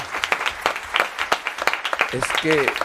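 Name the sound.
applause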